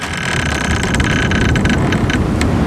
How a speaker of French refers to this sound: Où il y a du vent, il fait frais. Aux Avaloir, voilà.